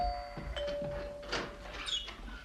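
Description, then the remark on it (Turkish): A doorbell buzzes in a long, steady tone as a visitor holds its button pressed, while soft thumps and rustling from around a door sound. “Neredeyse zilin düğmesi elime yapışacaktı.”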